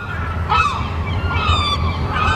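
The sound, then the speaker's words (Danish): Seagulls cry out in a few harsh, high, nasal calls, one after another, over a steady low rumble of background noise; a familiar sound in summertime. “de mange måger får telefonerne til at ringe ude hos skadedyrsbekæmperne”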